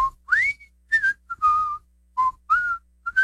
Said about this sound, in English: I hear you're still whistling.